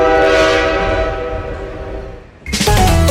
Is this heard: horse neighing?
no